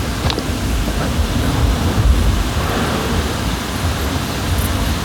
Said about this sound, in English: Going past a drain there with running water inside it.